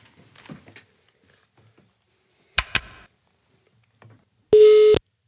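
Soft rustling, then two sharp clicks in quick succession, followed by a single loud, steady telephone ringing tone as an outgoing phone call is placed; the tone lasts about half a second before cutting off.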